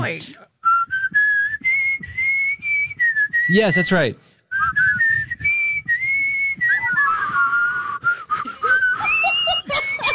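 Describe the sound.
A person whistles a flowing, tuneful melody up close for about ten seconds, the notes gliding and wavering, broken briefly by a short spoken reply partway through.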